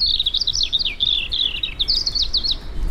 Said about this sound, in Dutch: Oké. Dus dat was de eerste vogel.